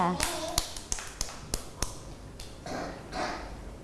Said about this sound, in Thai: เก่งมากค่ะเด็กๆปรบมือให้น้องกันด้วยค่ะ